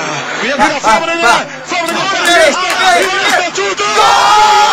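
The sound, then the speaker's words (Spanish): Several people yell "goal" at full volume, their drawn-out, rising shouts overlapping into a loud, continuous clamor, with excited cheering voices throughout. “Y las formas en que grita el gol algunas personas.”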